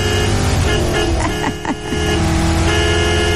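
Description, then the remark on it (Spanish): A car engine drones steadily throughout as the car is driven down 15 de Mayo street, with a few brief tonal honks or squeaks breaking through in the middle; no one speaks. “Y oiga, y agárreme porque yo no sé manejar y yo no sé por qué me dieron carro.”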